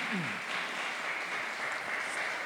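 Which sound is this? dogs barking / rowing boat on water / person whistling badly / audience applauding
audience applauding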